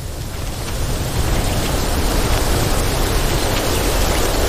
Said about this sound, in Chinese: 恶劣的天气简直是昆虫们的噩梦。今天突然刮起了风，好像快要下雨了。